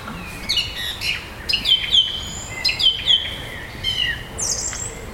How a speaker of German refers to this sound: Erinnert es irgendwen an die Amsel? Mhm. Genau, es ist eine Drossel. Ich finde auch von der Stimme her klingt das erstmal sehr ähnlich wie eine Amsel. Genau, und es ist, sie macht immer ein Motiv und wiederholt das dann bis zu 9 Mal, glaube ich